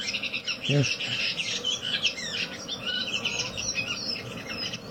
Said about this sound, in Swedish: Här har ni chattet mycket längre. Den här är arg på någon annan rövinge.